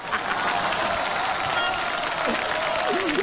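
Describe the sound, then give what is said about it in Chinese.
Steady audience applause fills the whole stretch, a dense, even patter of many hands clapping at constant loudness, with a few faint voices and whoops rising briefly beneath it. “就这各位您还鼓掌呢？”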